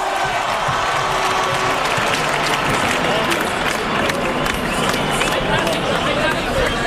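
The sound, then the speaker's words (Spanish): A crowd applauds Aitana at a celebration of world champions, a dense wash of many hands clapping at once, with scattered cheers and the murmur of voices mixed in throughout. “¡Un aplauso para Aitana, por favor!”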